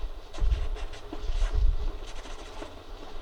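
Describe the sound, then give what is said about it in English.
A train travelling from Manhattan to Hollywood rumbles along the tracks with a deep, steady roar, broken by irregular metallic clacks and rattles from the wheels and cars. No one speaks. “He popped out of my mind onto a drawing pad on a train ride from Manhattan to Hollywood at a time when the business fortunes of my brother Roy and myself were at lowest ebb and disaster seemed right around the corner.”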